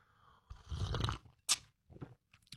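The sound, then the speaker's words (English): A wet morning slurp of coffee, a long airy sip of about a second, followed by a few short mouth clicks and a swallow. No one speaks. “It's the morning slurp.”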